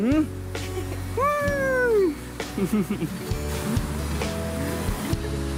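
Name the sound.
cat meowing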